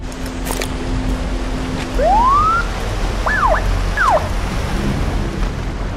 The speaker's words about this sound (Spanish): una lancha rápida se acerca. Creo que es la policía.